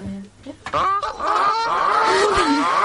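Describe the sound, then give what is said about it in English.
A goose squawks loudly, a brief harsh honk followed by a long, raspy run of strained, wavering calls with no one speaking. “That is a goose squawk.”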